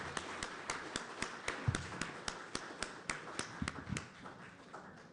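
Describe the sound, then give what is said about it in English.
Sparse applause from a small audience for two Greene County Commission candidates: a few hands clapping in a fairly steady, quick rhythm of sharp, crisp claps, moderately faint, with no voices over it, tapering off after about five seconds. “Let's give them both a big round of applause.”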